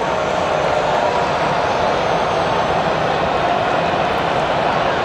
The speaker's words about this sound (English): The chop and the chant echoing through Daikin Park. All those Braves fans down the third baseline having the time of their lives down there.